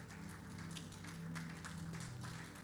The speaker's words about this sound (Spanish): ¿Qué tal si usted le da un fuerte aplauso a Dios?